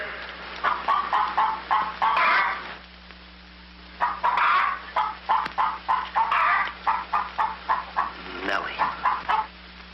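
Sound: hen clucking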